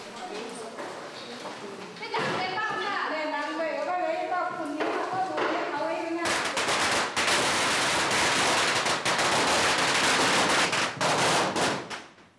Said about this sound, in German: Kracher und Knallfrösche rufen die Ruderer von Shigangdong.